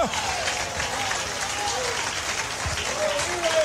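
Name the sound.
audience applauding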